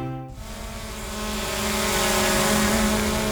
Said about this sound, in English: While Western Power is flying drones to inspect the lines